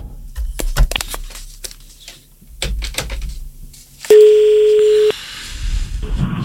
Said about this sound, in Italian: Sto attendendo che si colleghi il telefono.